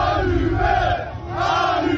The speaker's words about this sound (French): Allumé, allumé, crie la foule qui caillasse ensuite la voiture.